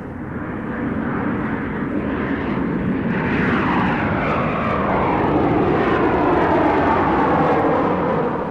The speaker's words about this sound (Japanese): ジェット飛行機の音なのだ。